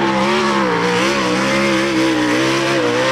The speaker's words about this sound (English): If you've never seen the sprint cars, that's what they sound like.